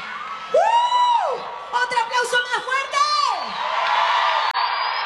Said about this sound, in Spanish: Un aplauso